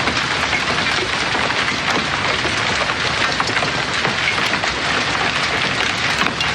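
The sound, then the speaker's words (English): Hail pelts down hard and steadily in a backyard, recorded from a patio door: a dense, loud banging and clanging of countless small impacts on hard surfaces, with no pauses and no voices throughout. “Okay, and I want to press play on a piece of audio here as it pertains to hail.”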